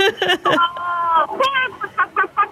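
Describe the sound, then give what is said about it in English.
A person imitates a chicken as part of a game, with a string of short, rhythmic vocal clucks and a drawn-out squawk in the middle, loud, with no other sounds around it. “Did you want to give me a chicken impression?”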